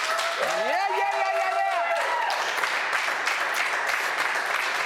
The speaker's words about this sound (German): Ich würde dir am liebsten irgendwie einen Stadionapplaus geben, aber den kann ich jetzt nicht. Aber vielleicht kann die Crew mal hier einen fetten Applaus geben. Come on.